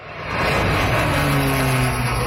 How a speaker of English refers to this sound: The sound of a crop duster helping to put out the blaze. Fire Chief Owen Jessup says the plane made a real difference as fierce wind fueled the flames.